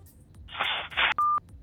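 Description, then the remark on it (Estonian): A rough burst of crackling line noise, then a single short, steady electronic beep on the phone line after the caller hangs up, loud and clear, before the line goes quiet. “Nii, seal pool visati toru ära, pole hullu midagi, saame veel natukene siin kõnesid vastu võtta,”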